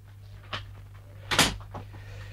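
An office door swings shut as a man enters the office: a light knock, then a sharper, louder thud as it closes, over a steady low hum and no voices.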